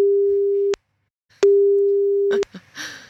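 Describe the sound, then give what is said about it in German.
Two long steady electronic ringback tones of an outgoing phone call, separated by a pause, followed by a click as the line is picked up and a brief bit of voice. “Und wir gucken mal, ob die Person, die ich hier rausgefischt habe, auch ans Telefon geht.”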